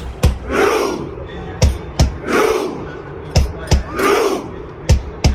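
A large crowd of football fans ahead of the World Cup match Norway vs England chants together, loud unison shouts swelling and fading between sharp, rhythmic group claps that land in regular bursts.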